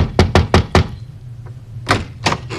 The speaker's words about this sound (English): knocked on the door one night after a concert, dripping wet.